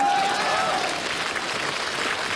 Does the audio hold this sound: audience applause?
yes